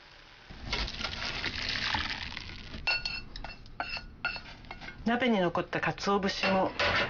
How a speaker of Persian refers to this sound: حرارت رو کم کنید. حدود 1 دقیقه بگذارید بجوشه و سپس داشی رو در یک آبکش که روی یک کاسه قرار گرفته خالی کنید.